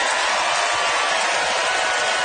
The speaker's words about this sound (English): All right, it's time to vote by applause.